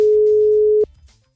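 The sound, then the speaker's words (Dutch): A single steady telephone ringing tone as someone phones a friend, a loud mid-pitched hum lasting under a second, cuts off abruptly and leaves a faint low murmur behind. No one speaks. “Ik ga mijn vriendin bellen. Luister, dat ging zo.”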